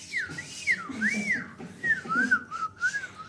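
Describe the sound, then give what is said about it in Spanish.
Someone whistles a short tune, the melody rising and falling in smooth, wavering phrases over about three seconds, with a faint low rumble underneath and no talking. “Y silbaba mientras hacía.”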